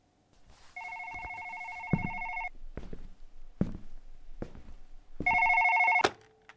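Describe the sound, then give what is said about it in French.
A landline telephone rings twice, each ring a sustained electronic trill lasting a second or two, separated by a pause filled with faint thumps and knocks. “Au bout de quelques heures, son téléphone fixe sonne.”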